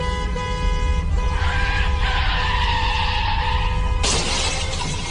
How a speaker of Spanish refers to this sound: Ya choqué el carro, primo.